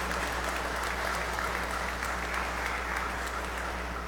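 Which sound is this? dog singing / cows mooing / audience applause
audience applause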